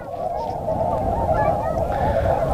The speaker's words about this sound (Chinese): 再往前走走，这块天鹅多。哎呀，那一大群，这大群都过来了。